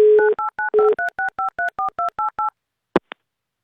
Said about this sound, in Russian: Давайте будем дозваниваться. Убираем звук. Нам нужна полнейшая тишина.